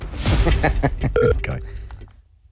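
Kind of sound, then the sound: signal or alarm, telephone dialing and ringing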